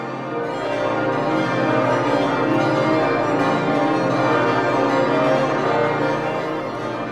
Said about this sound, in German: Damit Besucherinnen und Besucher bei Glockenkonzerten bald wieder mit Ohrenschützern daneben stehen und am ganzen Körper miterleben können, wenn das Plenum von 20 abgestimmten Glocken voll läutet.